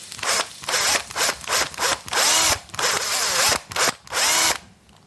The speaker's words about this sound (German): Und so einer müsste auch erstmal in meine Möhre rein. Am besten bohre ich das mit dem Akkuschrauber. Ich hole den mal eben.